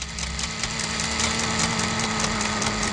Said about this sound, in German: Ich höre was surren. Hört ihr das auch? Ja, das ist ein kleiner Ventilator, der da leise surrt.